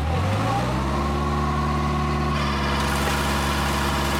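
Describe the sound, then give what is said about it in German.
A tree-shaking machine's engine revs up and holds a steady drone, then a dense, rushing patter of hundreds of walnuts dropping from the shaken tree joins in over the motor. The walnut trees are about 10 metres tall and stand directly beside a country road. “So hört es sich an, wenn Hunderte von Decknis beim Schädel vom Baum fallen.”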